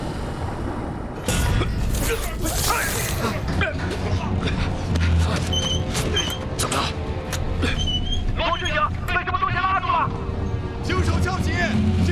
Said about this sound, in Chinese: 检查高压接系统，准备浮起。 高压接系统工作正常，正在排水上浮。